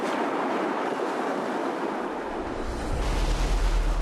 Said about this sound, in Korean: 미역 따는 게 되게 위험하네요. 네. 파도 안 칠 때는 괜찮은데, 이렇게 파도 쳐.